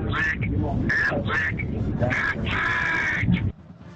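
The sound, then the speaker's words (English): A duck-like voice quacks out the Aflac jingle in a quick, rhythmic run of harsh, nasal squawks, several short ones and then a longer drawn-out quack, loud over a busy background, ending abruptly, during an Ole Miss football broadcast. “Man, I love that duck, don't you?”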